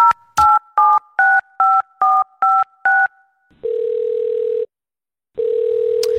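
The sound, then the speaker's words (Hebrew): A phone call being placed from a studio: a rapid string of eight dual-pitched keypad beeps, evenly spaced, followed by two long steady ringback tones separated by a pause, clear with no voices. “ואנחנו נסיים עם המקום הראשון הישראלי החדש שלנו בשיחת טלפון.”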